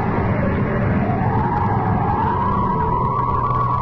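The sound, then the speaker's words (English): A police car siren wails with a slowly rising tone as the police arrive, over a loud, steady rumble of engine and road noise, continuous, with no one speaking. “Here come the police.”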